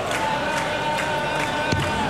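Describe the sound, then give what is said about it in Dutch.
A big crowd roars and cheers steadily at a darts match, a dense, continuous wall of voices with a few louder shouts rising out of it. “Het publiek heeft de kant van Espanol gekozen.”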